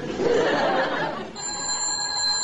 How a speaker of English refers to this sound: Answer the phone